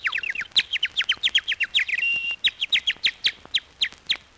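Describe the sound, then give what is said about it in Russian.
A whistle imitating nightingale song, used in a park to lead lingering young lovers out after closing time: rapid, high-pitched bird-like chirps and trills repeating in quick bursts, with a brief sustained whistled note midway, clear and fairly loud with no talking. “Отак я засвищу солов'єм, і всі влюблені ідуть на звук солов'їної пісні, а я їх потихеньку із парку вивожу, вивожу і виведу.”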